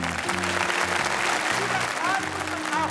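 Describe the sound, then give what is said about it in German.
A crowd applauds steadily for about three seconds after a fresh egg is tossed into the air and caught on a plate without breaking, a dense, even patter of many hands clapping at constant loudness, with low sustained tones and a few faint whistles mixed underneath. “Applaus alles.”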